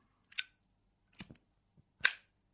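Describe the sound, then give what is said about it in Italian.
A Zippo lighter's lid clicks open and shut, three crisp metallic snaps spaced about a second apart, bright and sharp, with quiet between them and no talking. “Uno zippo.”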